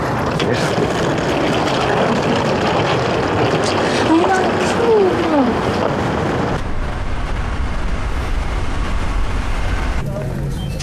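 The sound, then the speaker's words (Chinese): Steady, loud airplane cabin hum fills the space as passengers board, with murmuring voices and shuffling underneath and a brief tonal chirp partway through. “我刚上飞机，你晨检完回我电话。”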